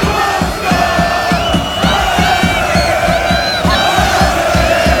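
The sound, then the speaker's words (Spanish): A large stadium crowd of Croatian football fans shouts and chants in unison, loud and sustained, over a steady rhythmic beat of clapping or stomping that repeats several times a second. “Y así gritaba la afición croata.”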